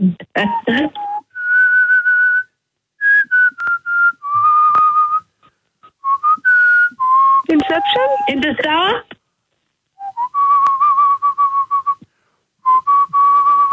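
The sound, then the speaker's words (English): Someone whistles the slow pan flute melody from The Lion King score during a guessing game, sustained clear notes stepping up and down in pitch with short gaps, while other voices break in with brief bursts of talk. “That was the pan flute from The Lion King.”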